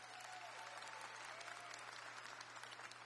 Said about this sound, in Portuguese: Vamos recebê-la com uma calorosa salva de palmas. Mais forte, gente, a minha esposa.